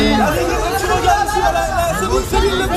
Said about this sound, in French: La star québécoise est arrivée ce matin à Paris sous les acclamations de ses admirateurs, à 2 semaines de son grand retour sur scène. Des fans qui ont fait le pied de grue devant son hôtel en attendant ses pas.